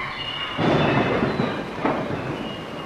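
A thunderstorm with deep rolling thunder: a heavy rumble swells and lingers, then a second roll follows, over a steady hiss of rain. No voices.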